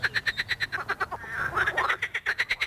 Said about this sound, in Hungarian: De néha a békák is.